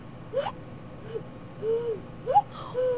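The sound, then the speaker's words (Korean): Someone imitates a cuckoo by blowing into cupped hands, the way one would call to someone from under their window. It makes two hollow, hooting two-note calls spaced apart, clear against a quiet background, with no talking. “뭐 아니 뭐 창문 밑에 가서 뭐 불러요? 뻐꾸기를 운다든지 네.”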